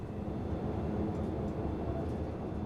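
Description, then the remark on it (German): A steady, heavy low rumble of a train, driven by a trainee train driver, rolling along the tracks on a route with a longer stop later at Bad Klein, continuous, with no voices. “Der Zug hier, der hat in Bad Klein nachher einen etwas längeren Aufenthalt.”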